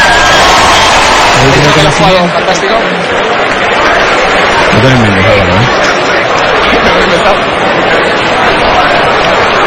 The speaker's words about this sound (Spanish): La verdad que la ovación que le están tributando a Roger Federer